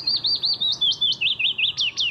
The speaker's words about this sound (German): So singt ein Fitis, ein kleiner gelb-grau gefiederter Vogel.